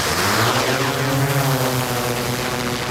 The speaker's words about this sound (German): Ja, da saust die Drohne davon. Die Flughöhe um die 120 Meter. 120 Meter? Sieht man da überhaupt noch was?